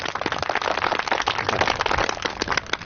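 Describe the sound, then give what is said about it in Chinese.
A group of people applauds on cue as a speaker is introduced, with dense, steady clapping that stays fairly loud and even for about three seconds, with no voices over it. “放松一下，下面有请段参谋给咱们讲话啊，鼓掌。”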